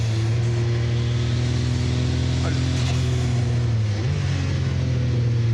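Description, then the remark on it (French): An 800-horsepower race car engine drones loudly and steadily on a track, then its pitch steps up near the end as the car accelerates hard out of a 180-degree hairpin turn. “Il faut faire super gaffe à l'accélération à la sortie du 180.”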